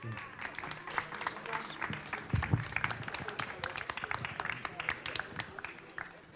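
A crowd applauds steadily as the chairman of the Wartburg Radio Verein is called onto the stage, many hands clapping in a dense, crackling wash with no clear rhythm, moderately loud and sustained throughout, with a brief low thump partway through.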